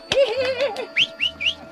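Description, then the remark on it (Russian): Red crossbills chirping: a wavering, whistle-like warble gives way to four short, bright rising chirps in a quick, fairly even series, clear, with no talking. “Ты что, Слава, никогда клестов красноперов не видел?”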